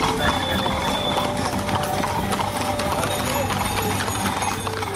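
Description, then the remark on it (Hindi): Rapid, steady clip-clop of horse hooves trotting in an ikka (horse cart) race competition, with a continuous rhythmic patter over a busy outdoor background and voices of people talking. “इस प्रतियोगिता में जीत केवल तेज रफ्तार से नहीं बल्कि घोड़े की नपी तुली चाल, संतुलन और प्रस्तुति से तय होती है।”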